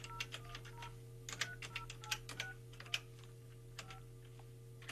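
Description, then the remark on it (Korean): A rapid, irregular run of short keypad beeps, like telephone dialing tones, each press a brief clicky tone over a steady low electrical hum, with no one speaking, as a call is placed to a viewer during a live broadcast. “다시 한번 전화를 해볼게요.”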